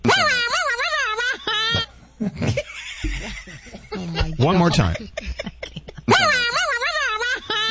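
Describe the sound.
A voice mimics an air horn with loud, blaring, wavering honks, followed by laughter and a brief spoken line, then another round of the brassy vocal horn blasts.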